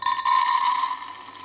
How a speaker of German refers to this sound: Und jetzt gießen wir dieses Getreide mal in dieses Gefäß.